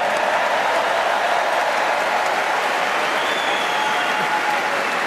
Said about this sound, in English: Round of applause for Rory for Masters, please.